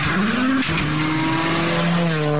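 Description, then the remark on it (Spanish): A loud race car engine revs and accelerates, its pitch climbing then dropping briefly at a gear shift before rising again, with a hint of tire squeal and no voices. “Se encienden los motores. Se prende la pasión y pisamos el acelerador a fondo.”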